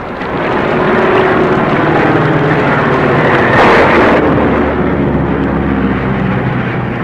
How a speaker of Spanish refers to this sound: Pero una fuerte tormenta los había sorprendido en pleno vuelo. Una tormenta tan común en aquellas latitudes que zarandeaba el pequeño avión de un lado a otro.